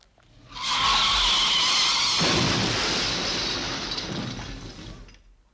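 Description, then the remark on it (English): A loud car skid with high, screeching tire squeal, followed immediately by a harsh crash of shattering glass that rattles on for a few seconds before fading. No one speaks. “That was breaking glass. It sounded like an accident.”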